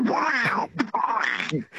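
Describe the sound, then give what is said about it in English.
A phone-in caller imitates Donald Duck, making raspy, buzzing, squawky quacking sounds in a rapid, garbled burst of duck-talk, loud and continuous with brief breaks. “Hello, and this is from Donald Duck.”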